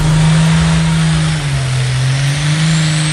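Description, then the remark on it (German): A loud, heavy engine at a tractor-pulling event in Edewecht roars steadily, its deep drone dipping slightly in pitch midway before holding again, with a harmonic whine layered above. No one speaks. “So klingt's morgen in Edewecht. Ab 14 Uhr steht das Traktor-Pulling-Event inklusive Aftershow-Party an.”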